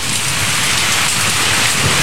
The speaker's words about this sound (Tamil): Weather சரியில்லைன்னு feel பண்ணிட்டு இருக்கிற இந்த நேரத்தில் நீ என்ன டென்ஷன் பண்ற, மழை வருது என்ன நீ மூட் அவுட் பண்ற. காத்தடிக்குது, ஜூஜு இடி இடிக்குது,